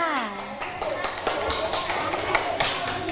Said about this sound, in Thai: ขอเสียงปรบมือให้กับกลุ่มที่สองอีกครั้งค่ะ